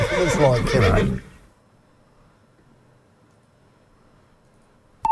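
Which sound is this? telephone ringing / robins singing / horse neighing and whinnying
horse neighing and whinnying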